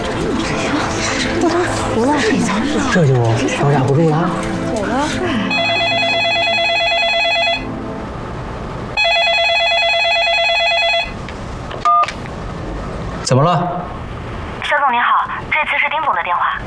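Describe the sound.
A telephone rings with an incoming call from a company director, in two steady, loud electronic bursts with a pause between them, after a stretch of voices and followed by brief clattering sounds.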